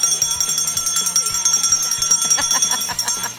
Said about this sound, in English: Let me see if I can work the bell.